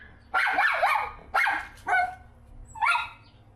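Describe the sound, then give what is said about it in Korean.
A dog, Garu, waiting anxiously outside and looking for its owner, barks repeatedly in short, insistent bursts, four or so loud yelping barks spaced apart, with no talking, sounding anxious and high-pitched. “계속 짖고 있는 거예요?”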